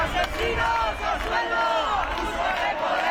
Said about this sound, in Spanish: Más de 2.000 personas han recorrido este domingo las calles de Bilbao para denunciar la actuación de la Ertzaintza a la llegada de los activistas de la delegación vasca de la Global Sumud Flotilla. Gritos y proclamas contra el gobierno vasco.